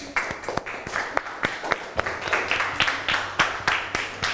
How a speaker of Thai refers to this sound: โอเคครับตอนนี้ภาพรวมเสร็จเรียบร้อยสวยงามปรบมือให้ตัวเองหน่อยครับ